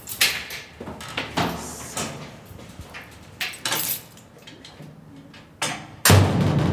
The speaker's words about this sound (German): So klingt es, wenn die metallene Tür zu den Felsengängen unter Nürnberg hinter einem zufällt.